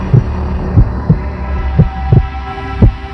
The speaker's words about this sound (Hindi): धड़कन और तेज हो गई।